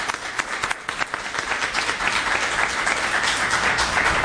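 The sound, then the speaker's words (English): A crowd applauds steadily, many hands clapping in a dense, continuous wash that starts a little thinner and swells to a full, loud level. “And I want the audience to give a special round of applause for those folks here.”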